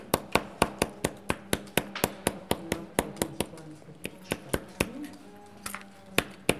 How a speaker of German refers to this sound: Sie haben jetzt das Metall einfach beklopft, oder? Ja, das wird geklopft, dann werden die kleinen Löchlein nicht überholt. Das schaut halt anders aus, gell? Es gibt einfach ein bisschen Muster.